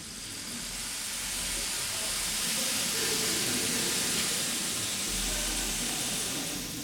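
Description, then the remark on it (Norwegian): A steady, dense patter and hiss like falling rain fills the space, swelling slightly in the middle, produced by an orchestra's percussion section imitating a rain shower inside an auditorium during a trumpet concerto, with no voices present. “Og regnet, det har hun lagt i slagverksgruppen denne gangen. Kanskje kan vi få et aldri så lite regnvær inne i aulaen?”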